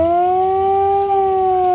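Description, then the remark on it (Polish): A civil defence alarm siren in Poland, on a main market square during a crisis-preparedness demonstration, sounds the modulated 3-minute alarm signal, wailing loudly and steadily, its tone holding high with only a slight swell in pitch, sounding alone with no voices. “Alarm ogłaszany jest modulowanym dźwiękiem trwającym 3 minuty.”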